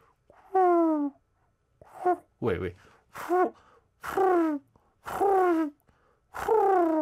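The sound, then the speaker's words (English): A person imitates pigeon cooing with about seven short, throaty hoots, each sliding downward in pitch, delivered fairly loud in a steady rhythm with brief pauses between. “I think that's how it is, right? Pigeons.”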